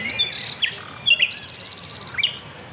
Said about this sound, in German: Und die Nachtigall kombiniert im offenen Park unzählige Strophen immer wieder neu.